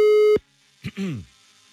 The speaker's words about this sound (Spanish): Marcamos. Ahí estamos marcando, mi brother, ¿eh? Es el teléfono de tu jefe.